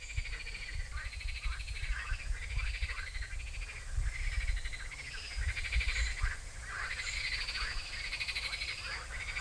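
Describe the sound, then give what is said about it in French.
A chorus of frogs croaks in repeated pulsing bursts throughout, over a steady low rush of flowing river water; no one speaks. “Donc normalement on n'a pas le droit de les manipuler parce qu'elles sont protégées, toutes les grenouilles de France, tous les crapauds de France, ni au stade de têtards, d'œufs ou d'adultes.”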